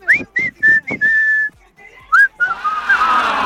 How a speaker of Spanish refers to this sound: Porque esto, mira, ya humillada quedé. Traté, lo intenté, pero definitivamente lo de silbar ya vimos que no se me da.